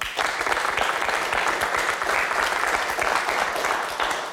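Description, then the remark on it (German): Steady, dense applause from a studio audience at BR's Studio Franken in Nuremberg during the live broadcast of Sonntags um 11, many hands clapping at once in a continuous, moderately loud wash lasting the whole stretch, with no voices on top. “Und Sie haben es gerade schon gehört, wir haben Publikum.”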